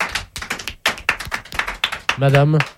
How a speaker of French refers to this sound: Madame, figurez-vous que parmi tous ceux qui vous applaudissent, il y en a un qui a un survêtement rose.